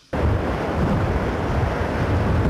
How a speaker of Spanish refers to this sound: Están a 8.000 kilómetros de Filipinas y allá están enfrentando lo que llaman ellos océanos monstruosos, que se escuchan así.